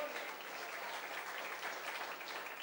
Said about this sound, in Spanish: Hablemos, hermano, de las maravillas del Señor, de lo que dice, amén, un aplauso al Señor.